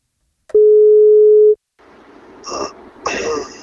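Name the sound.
phone call ringing tone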